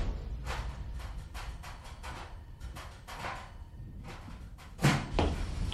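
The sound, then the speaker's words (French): A stove door in an apartment kitchen is banged shut with a sharp, loud slam near the end, preceded by a run of lighter clattering knocks and rattles, with no voices. “Car même la porte du fourneau que l'on renferme d'un coup sec dans la cuisine, je l'entends.”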